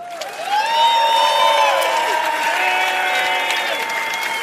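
The audience of the TV show Immer wieder Sonntags applauds steadily for several seconds as last week's daily winner is introduced, dense clapping with scattered cheers and whoops over it, loud and sustained throughout.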